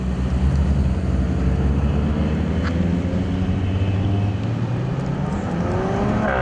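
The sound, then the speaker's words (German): A car engine drones loudly and steadily as the car drives onto a closed-off course at a sports event in the Vogtland, Germany, its deep rumble holding for several seconds before the pitch climbs as the car accelerates toward the end. No one speaks. “Und mit dem Auto auf die inzwischen abgesperrte Strecke zu gehen, das hat was.”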